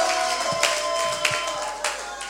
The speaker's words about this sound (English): All right, you can clap your hands and give Jesus a shout. And please be seated.